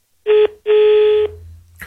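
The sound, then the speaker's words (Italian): Two loud electronic telephone dialing tones sound on an open, free line, a short beep followed by a longer one, then a low line hum and a brief burst of noise at the end. “Quindi in questo momento il telefono è libero, vi faccio sentire il tutto, quindi se mi chiamate rispondo io direttamente.”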